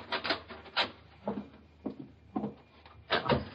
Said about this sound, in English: That's the cellar door.